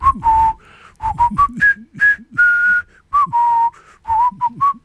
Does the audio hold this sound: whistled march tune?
yes